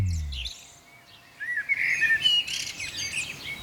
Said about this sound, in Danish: Fuglesang. Hvilken morgen at starte. Ej, hvor er det dejligt. Med lidt fuglesang, det er jo nærmest sådan, det lyder udenfor efterhånden.